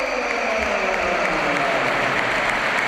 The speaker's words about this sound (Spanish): efectivamente estaba mirando el banquillo y se va a retirar Arda Güler, buen partido también, hoy jugando en otra posición, jugando en el doble pivote. Ovación para Güler.